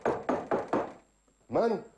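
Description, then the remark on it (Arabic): Four firm, evenly spaced knocks on the wooden door of a house, made by soldiers calling for the owner, loud, followed after a short pause by a brief burst of a man's voice. “لا لا، هذه ليست طرقات مسعود.”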